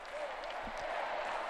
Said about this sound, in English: Welcome, Most Holy Father, to the Stade de France. Welcome among the young people of France. Big round of applause, lots of enthusiasm.